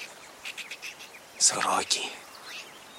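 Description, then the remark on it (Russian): Harsh, raspy bird chatter rises in a short burst amid quieter clicks and scratchy chirps, white-sided magpies squabbling and rustling, disturbed by someone approaching, against a faint outdoor hiss. “Сороки беловоги шебуршатся.”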